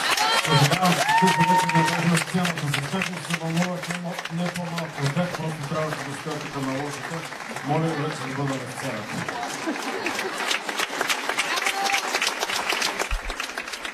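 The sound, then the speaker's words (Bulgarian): A crowd applauds steadily at the end of a concert broadcast live from the NHK Culture House in Burgas, dense clapping filling the whole stretch at a fairly loud level, while a man's voice speaks over the applause for much of it. “аплодисменти за него”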